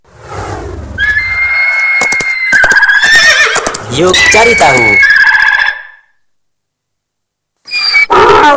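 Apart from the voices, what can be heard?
donkey braying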